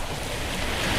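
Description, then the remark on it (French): Waves wash and break on rocks in a steady, broad roar of surf, fairly close and continuous, with some wind mixed in and no voices. “D'ailleurs, je vous invite, auditeurs, on va descendre près des rochers pour vous faire écouter la musique des vagues.”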